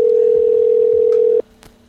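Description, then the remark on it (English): A loud, steady electronic ringing tone from a phone line, held for over a second before cutting off, then quiet with a couple of faint clicks, like a call waiting for someone to pick up. “All they need to do is stop and answer the phone.”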